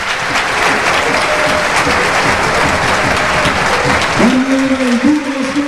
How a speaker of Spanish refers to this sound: Y atención, cambio, porque se va efectivamente Iván Morante. Entra Marcelo Expósito. Esta es la ovación.